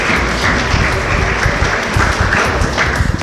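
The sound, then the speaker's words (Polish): At a scouting ceremony, an audience applauds the recipients of the 'friend of scouting' award. The applause is steady, a dense rattle of many hands clapping at a constant, fairly loud level throughout, with no voices standing out. “Brawa.”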